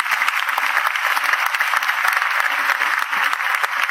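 Sustained applause from a sizable crowd, a dense, steady wash of clapping that keeps an even loudness for the whole stretch, with no one speaking over it, given for couples together more than 20 years who stand up.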